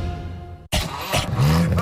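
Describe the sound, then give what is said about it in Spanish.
A car engine revs loudly with an abnormal noise, its pitch climbing in a strained, uneven whine, following a quieter passage that ends in a brief moment of silence; the car is to be taken to Treviño Refacciones. “Ese ruido no es normal. Ya llévame a Treviño Refacciones.”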